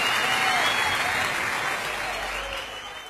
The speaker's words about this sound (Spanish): fuerte aplauso